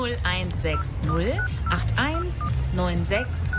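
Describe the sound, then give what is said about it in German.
Short beeping keypad tones of a mobile phone as a number is dialed to call someone, sounding in a quick irregular series while a person speaks continuously over them. “Ich ruf dich jetzt an, dann hast du ja meine Nummer.”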